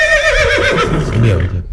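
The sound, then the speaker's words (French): A loud horse whinny with a wavering, descending pitch, lasting under two seconds and trailing off into breathy snorting at the end. “Ah, vous êtes un cheval !”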